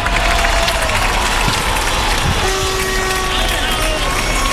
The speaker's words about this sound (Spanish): A ver, ahí los aplausos ahora.